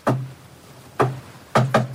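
Knocking on a door: a single knock, a pause, then three quick raps in a row, close and fairly loud, with no voices.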